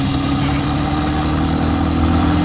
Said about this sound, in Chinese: 准备起飞， 战机人工起飞。